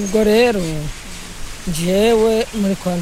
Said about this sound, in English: The 76-year-old is crossing the rushing waters of the Mukungwe River on a pedestrian suspension bridge. It connects two settlements in a valley in northwest Rwanda.